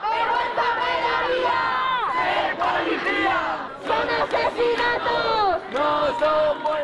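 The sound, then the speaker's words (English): A large crowd of hundreds of protesters marching outside Parliament in Madrid, Spain, chants and shouts together in loud, rhythmic bursts, many voices rising and falling in unison with brief gaps between the calls, chanting "This is not a death, it's a murder." “Crowds marched from a central square chanting, "This is not a death, it's a murder."”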